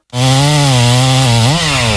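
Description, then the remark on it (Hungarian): A chainsaw cutting down a huge pine tree in a yard roars steadily at high revs, its buzzing engine tone holding level before briefly dipping and rising again as it bites into the wood, loud and continuous with no voices. “A szomszédék spórolni akartak, és maguk kezdték el kivágni az udvarukban lévő óriási fenyőfát.”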